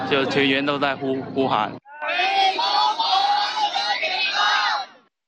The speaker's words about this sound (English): When we finally saw the rescuers arrive, it felt like a beacon home. Everyone started cheering and shouting.